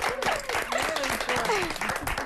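A crowd applauds with dense, steady clapping that fills the whole moment, while voices cheer and call out over the noise.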